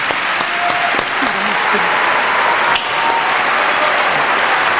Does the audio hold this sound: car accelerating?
no